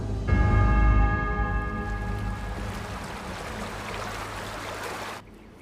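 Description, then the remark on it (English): Rushing water of the Lamar River pours in a steady, full roar, with sustained ringing tones layered over it at first that gradually fade, before the sound drops away abruptly near the end. “He's at the mercy of the river.”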